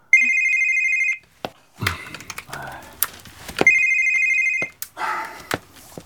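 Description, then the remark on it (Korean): A telephone rings twice, each burst a steady electronic trill lasting about a second, separated by a pause with soft rustling and handling noises in between. “오늘 밤도 저 전화 받고 바로 떠날걸?”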